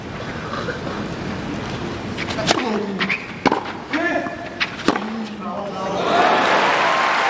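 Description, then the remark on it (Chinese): A tennis crowd breaks into applause after a backhand winner by Djokovic's opponent, with Djokovic also applauding; the clapping swells into a steady wash at the end, following a few sharp ball strikes and murmuring voices. “回发球接的稍微有些出浅了，刚才看反拍抡出制胜分，德约也向对手报以掌声。”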